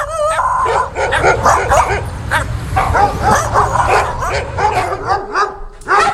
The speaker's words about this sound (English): Wait a minute, I'm not sure what's happening here. We've got some dogs, it seems, that are wanting to get in on the action.